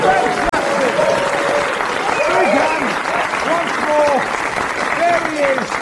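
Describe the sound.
An audience applauds steadily and loudly for about six seconds, dense clapping with scattered cheers and voices rising through it, plus one sharp click near the start.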